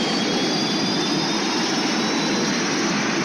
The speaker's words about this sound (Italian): Stiamo perdendo potenza. Motori al massimo. Motori al massimo. Non rispondono. Motore di riserva. Motore di riserva. Attento! Tutti i comandi fuori uso! Precipitiamo!